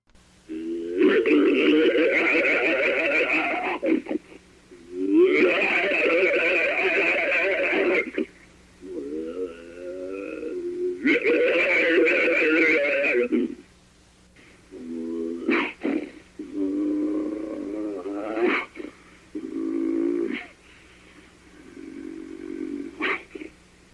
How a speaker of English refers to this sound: The snarls and growls could startle anyone